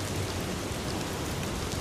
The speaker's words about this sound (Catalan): També amb el so de la pluja